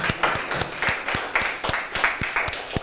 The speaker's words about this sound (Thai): ขอเสียงปรบมือให้กับเพื่อนและกลุ่มที่4หน่อยค่ะ